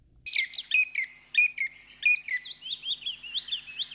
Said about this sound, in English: This habit has resulted in yet another name for the bird, hair sparrow. But by whatever name and whatever habits, the chipping sparrow will always be to me, and I'm sorry, I can't be objective here, a friendly bird.